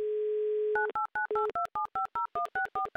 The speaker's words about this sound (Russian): Набрали номер телефона, звоним в Свердловскую область, ждем заветные гудки